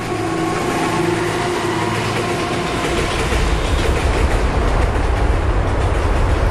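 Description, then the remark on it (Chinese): A train rumbles past on one of three busy railway lines beneath the Longyan Bridge construction site, a steady rolling roar with faint rhythmic clatter, growing heavier and louder in the second half as the cars go by. “而铁路部门的底线则是，在火车驶过时，上方绝不允许施工。”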